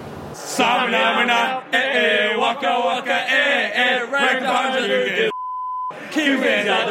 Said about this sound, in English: At Blarney Stone and Portside Pub in Gastown, the singing needed to be bleeped, and the beers were flowing at the World Cup pre-party for New Zealand.